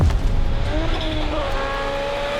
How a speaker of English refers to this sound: This is as exciting as it gets. The cars are going to be flying here in Finland. We will see them hit 190 kilometres an hour on these fast straights.